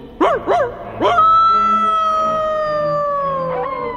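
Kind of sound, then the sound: animal, wolf howling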